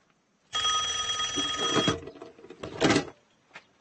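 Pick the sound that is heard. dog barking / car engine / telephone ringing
telephone ringing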